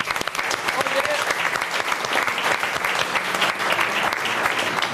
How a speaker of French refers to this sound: On teste, je peux vous dire, depuis lundi, on peut les applaudir à la cuisine.